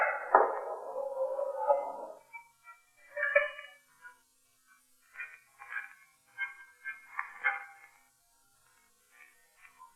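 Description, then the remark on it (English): A call being placed from a payphone at Benny's Fantasy Club: a brief clatter, then a series of short, thin electronic tones repeating at a moderate pace, fairly quiet, with no voices. “Any payphones here? Yeah, two of them over there by the section.”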